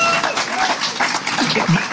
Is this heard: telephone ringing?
no